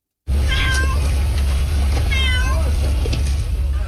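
A cat meows two or three times, each cry rising and falling, over a loud, steady low rumble of background noise, as a firefighter gives it water from a bottle while a wildfire burns nearby in extreme heat in Antalya, southwestern Turkey.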